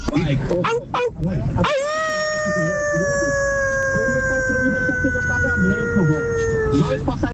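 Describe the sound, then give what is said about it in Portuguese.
A person imitates a howling dog with one long, loud howl held for about five seconds, pitch sliding slowly downward, after a few short noisy sounds at the start. “Se fosse lobo, era 10. Como é cachorro, 5.”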